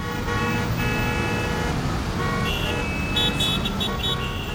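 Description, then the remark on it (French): A car engine roars steadily amid dense street traffic, a loud continuous rumble, with brief horn-like toots rising near the end. “Je te l'avais dit, je le reconnais, c'est son moteur qui rugit.”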